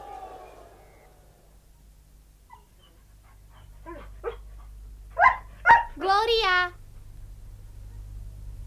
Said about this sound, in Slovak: Čo sa moceš okolo psov? To nie je hračka. Pohryzú ma? Pravdaže? Prečo? Pretože sú to psi a nikto im neprikázal, správajte sa gamálky slušne.